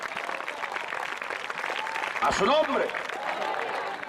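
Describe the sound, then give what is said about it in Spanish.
An audience claps steadily for God in praise of Christ, a dense, continuous wash of applause, with a voice briefly calling out over the clapping partway through. “¿Cuántos alaban al Cristo de la gloria? Dele fuerte ese aplauso si es para Dios.”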